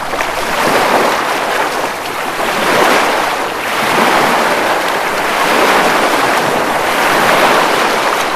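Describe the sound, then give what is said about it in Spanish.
Continuous sea waves wash and surge around a boat sailing on the sea, a broad steady roar swelling gently every few seconds, with some wind noise and no voices. “o navegamos por el mar.”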